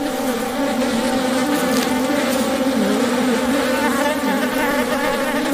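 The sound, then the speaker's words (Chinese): A dense, steady drone of many flies buzzing over the rotting carcass of a capybara in a wetland, feeding and laying eggs; a continuous mid-pitched hum with overlapping wingbeats that waver slightly but never stop, with no voices present. “一群苍蝇在尸体上进食产卵，之后卵会孵化为蛆虫。”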